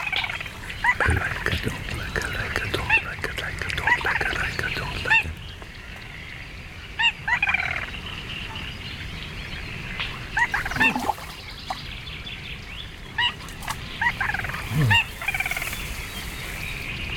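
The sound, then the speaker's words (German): A small rail calls repeatedly in a marsh, sharp squawking and clucking notes rising over a steady chorus of other birds, with bursts around every few seconds and no voices. “Augenhöhe mit einer kleinen Ralle.”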